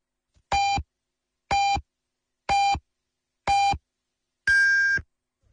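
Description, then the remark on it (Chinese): A radio time signal on Yanbian Radio and Television's Chinese news station marks 13:00 Beijing time: four short, evenly spaced electronic beeps one second apart, then a fifth, longer beep at a higher pitch. The tones are clear and loud against silence, with no talking. “北京时间13点整， 您正在收听的是延边广播电视台汉语新闻综合广播。”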